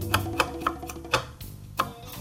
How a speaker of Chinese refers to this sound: 好，那像这个里面呢，这个比较多纤维的地方，我会用刀子下去，啊，这样子切，滚着这样切，有点像削铅笔这样子的。